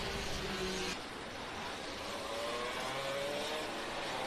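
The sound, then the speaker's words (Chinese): Race car number 388, exiting turn 18 in Masters class qualifying and first onto its flying lap: the engine roars loudly and climbs steadily in pitch as it accelerates hard, a dense mechanical whine over broad road and exhaust noise, with no voices. “388号车手袁志林出18号弯，第一个进入到飞行圈。”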